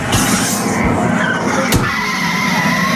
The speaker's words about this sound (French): Et ensuite, on arrive en ville, à Tokyo. Faites attention aux voitures, ne vous faites pas écraser.